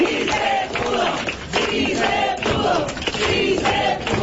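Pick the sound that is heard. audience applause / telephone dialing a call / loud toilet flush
audience applause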